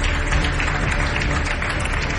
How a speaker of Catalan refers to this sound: Demanem que pugi ara a l'escenari a entregar el següent premi al secretari de Telecomunicacions i Transformació Digital de la Generalitat de Catalunya, el senyor Albert Tort. Un fort aplaudiment per ell.